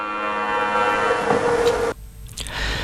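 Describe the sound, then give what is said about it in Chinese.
An air raid siren, sounded simultaneously in cities across Liaoning Province, China, as a three-minute air defense alert at 9:18 a.m., gives a loud, steady, droning wail with rich harmonics, then cuts off abruptly partway through, leaving only faint background noise. “上午九时十八分，辽宁省内各个城市同时拉响三分钟的防空警报，以此警醒世人，铭记历史，珍爱和平。”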